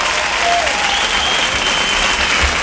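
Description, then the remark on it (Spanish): A large audience claps steadily and loudly, a dense wash of applause that stays even throughout without pauses. “Un aplauso fuerte para mi gente.”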